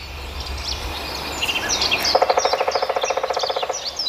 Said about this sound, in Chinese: 远处又传来了啄木鸟敲击树木的声音。啄木鸟一秒钟能敲击树干十几次。